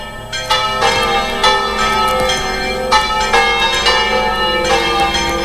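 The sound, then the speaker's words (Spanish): The sanctuary church bells at Hoz de Marrón, Cantabria, Spain, peal loudly and continuously to announce the start of the solemn Mass led by the Bishop of Santander, with repeated strikes roughly every second and rich, ringing overtones sustaining between them. No voices are heard. “Las campanas del santuario han anunciado el comienzo de la celebración solemne presidida por el obispo de Santander, por Arturo Ros, una misa en la que se vuelve a poner el foco en la relación de los cántabros con su patrona”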